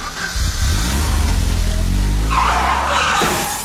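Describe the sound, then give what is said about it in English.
A car engine revs loudly, then tires screech in a harsh skid of a car accident near the end, with no voices, in a radio advertisement for Fix Auto. “Fix Auto, the first words that should come to mind after an accident.”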